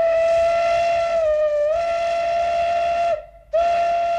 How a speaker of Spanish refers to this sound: Daban saltos sobre él, chillaban, aullaban, hasta que los penetrantes sonidos de una locomotora de vapor los distrajeron de la diversión.